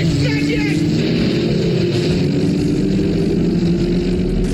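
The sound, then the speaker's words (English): A car engine rumbles steadily, a loud, continuous low drone that holds for several seconds and seems to rev slightly higher near the end. “Today's Name Your Car Day. Remember the Disney movie Herbie the Love Bug. Yes, Herbie!”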